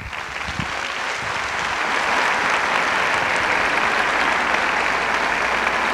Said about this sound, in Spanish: Así que vamos a brindarle otro fuerte aplauso a Ed Lawrence, por favor.